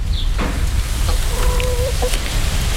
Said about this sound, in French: Ouais, je crois qu'elles essayent de nous dire quelque chose. Ah, mais c'est peut-être ça. Elles nous envoient. Bonjour. Les poules nous font signe d'aller à la rencontre